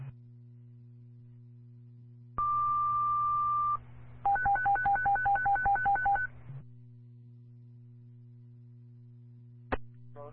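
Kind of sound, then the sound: signal or alarm, fire dispatch alert tones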